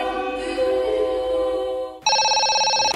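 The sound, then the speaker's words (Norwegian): A telephone rings with a steady electronic tone that shifts pitch partway through, a call to Norsk Tipping, loud, with no one speaking. “Nei, nå var det du som ringte oss.”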